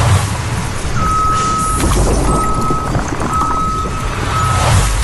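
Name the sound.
tow truck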